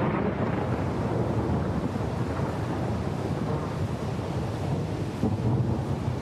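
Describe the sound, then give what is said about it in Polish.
A thunderstorm with a heavy downpour over a valley: a dense, steady roar of rain with a deep rumbling underneath, loud and unbroken throughout, with no voices. “Nad doliną otwiera się niebo. Deszcz spada jak ściana.”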